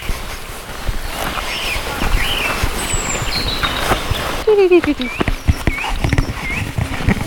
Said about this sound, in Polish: Śpiewak, kos, rudzik. Wszystko tu jest.